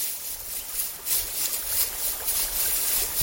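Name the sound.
babbling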